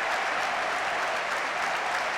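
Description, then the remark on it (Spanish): A large crowd of Real Mallorca and Ceuta fans applauds steadily in the stands at the Mallorca Stadium before a second-division football match, a dense wash of clapping that holds at an even level for the whole moment, with no voices standing out. “Luis García también aplaudiendo, se levanta la grada, mucha bandera de España, gran gesto de afición del Real Mallorca, también aplaudiendo los aficionados del Ceuta.”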